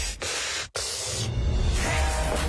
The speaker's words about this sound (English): She hates the sound of breathing. Don't breathe. But if you have to, try to take a quick gasp through the side of your mouth like this.